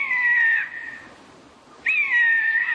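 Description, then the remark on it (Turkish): A Eurasian jay, recorded by Leona Mukai in Antalya, Turkey, gives two loud, drawn-out mewing calls, each slightly falling in pitch, separated by a brief pause with no other sound. “Alakargayı Leona Mukai Antalya'da.”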